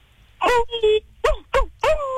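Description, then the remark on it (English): A person imitates a werewolf's howl with a string of five short, tonal yelping calls that glide down in pitch, the last one stretching out longer, loud. “Can I hear what that howl might sound like”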